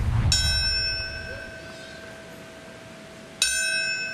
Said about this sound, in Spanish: El sonido de una campana marcó el momento exacto en el que hace 25 años el primer avión impactó la Torre Norte de Nueva York.